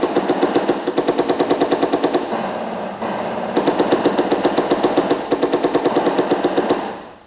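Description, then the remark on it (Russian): Sustained machine gun fire aimed at attacking enemy infantry rattles in rapid, evenly spaced bursts for several seconds, loud and harsh, with brief shifts in rhythm and no voices over it. “Пехота противника поднимается для атаки. По фашистам огонь!”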